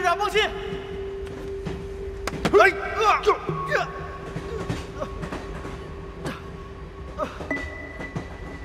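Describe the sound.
Carriage number five of the Beijie train rumbles steadily along the rails, with sharp metallic clicks and clanks over the continuous roll. Brief voices and tonal squeals rise above the noise near the start.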